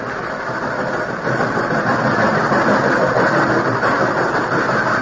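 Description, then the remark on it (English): A steady, rumbling roar of a train running along the tracks, loud and continuous with a dense mechanical drone, swelling slightly after the first second and holding without pause. “Oh, it seemed as though the long train trip would never end.”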